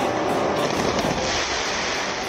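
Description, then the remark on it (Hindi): Colorful fireworks crackle and pop in a dense, continuous barrage over Ahmedabad, from Narendra Modi Stadium to the city streets, celebrating RCB's IPL 2026 title win over Gujarat Titans; individual bursts blur into one steady roar of fairly loud noise, with no voices. “आसमान रंग बिरंगी आतिशबाजी से रोशन हो रहा था,”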